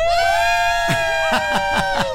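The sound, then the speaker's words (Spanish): A group of five people shouts a team cheer saying they are ready and will do everything possible: a long, loud held yell, then a run of quick rhythmic shouted beats, energetic. “grito de estamos listos, de vamos a hacer todo lo posible.”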